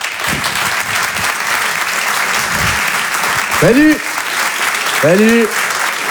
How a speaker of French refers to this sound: Je vous demande de l'encourager et de l'applaudir très fort, s'il vous plaît.